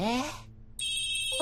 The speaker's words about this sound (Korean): 어? 티니핑 알람이야. 둘로 만드는 걸 좋아하는 보석 티니핑이야.